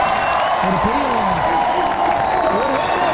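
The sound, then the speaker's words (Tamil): Loud, steady canned applause sound effect, played from a button, runs continuously without any break, its dense clapping texture unchanging throughout, while a man's voice talks over it. “என்னடா இது, என்ன கைத்தட்டில் நிப்பாட்ட முடியல இன்றைக்கி.”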